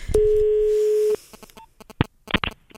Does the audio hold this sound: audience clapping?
no